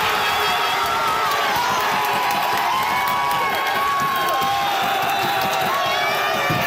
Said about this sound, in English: A lot of people were screaming when that late game goal came as Canada scored against South Africa. A big win for Canada's men, who now advance to the round of 16.